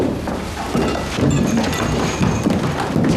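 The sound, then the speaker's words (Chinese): Members of a military-civilian group knock heavily on a door, a series of irregular, dull thuds over a steady, dense wash of background noise with no voices. “是军民小组的人在敲门。”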